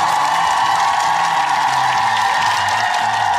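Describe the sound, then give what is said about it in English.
A dense crowd cheers and applauds continuously, a loud, steady wash of clapping and whooping with no pauses, sounding like a stock cheering effect played on its own. “Well, I'm going to give a big cheer to everybody.”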